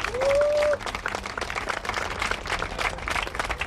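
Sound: audience applause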